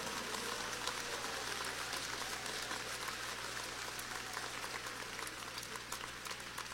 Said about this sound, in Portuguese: Aleluia, pode aplaudir, não tem problema.